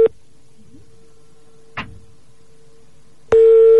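A steady mid-pitched telephone ringing tone sounds briefly, drops to a faint hum with a soft click in between, then returns loud and unbroken, like a call ringing out unanswered.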